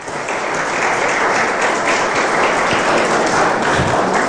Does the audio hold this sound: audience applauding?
yes